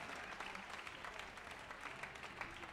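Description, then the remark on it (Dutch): Steady applause from an audience for the pianist after a piano solo, a dense wash of many hands clapping at once, fairly loud and even throughout with no voices standing out. “En nog een applaus voor Mark Bischoff op piano.”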